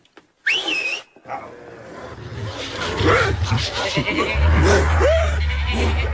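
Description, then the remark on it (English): A sharp whistle rings out, then a pack of nine enormous dogs wearing brass-studded collars erupts in snarling and yelping as they charge after Snowball, a pig, a dense, chaotic rush over a low rumble that grows louder. “Nine enormous dogs, wearing brass-studded collars, dashed straight for Snowball.”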